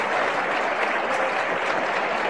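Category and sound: crowd, church audience applauding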